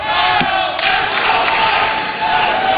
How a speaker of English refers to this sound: And you hear the crowd, the allegiance kind of split right down the middle.